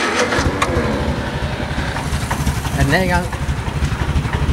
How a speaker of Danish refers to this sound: Jeg synes lige, kan vi ikke prøve at starte sådan en traktor? Det er godt at køre. Er den her i gang?